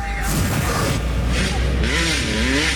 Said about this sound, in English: To the dirt bikes revving in the streets.